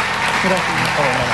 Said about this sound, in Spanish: Un aplauso para él.